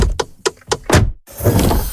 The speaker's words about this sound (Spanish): Así suena la Volkswagen Caddy e-Hybrid.